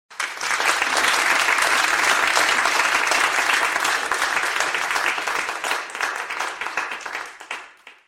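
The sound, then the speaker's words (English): A large live audience in a room applauds loudly for several seconds, dense overlapping clapping that swells quickly, holds steady, then gradually thins and fades toward the end. “There it is. There's the sound. Listen to that. Hands and carrier waves.”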